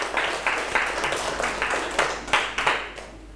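A group of students claps together in a brief round of applause, with many quick, overlapping hand claps forming a steady, moderately loud patter for a few seconds, with no voices.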